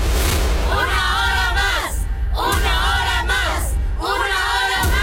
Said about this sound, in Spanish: ¡Fuerte el aplauso!